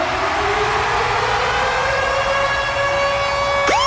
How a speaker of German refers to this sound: Und zwar immer dann, wenn ihr unseren Virgin Radio Ticket Alarm hört. Da steht er, Achtung.